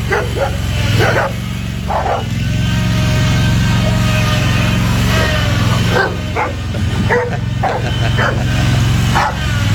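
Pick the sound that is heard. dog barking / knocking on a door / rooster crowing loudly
dog barking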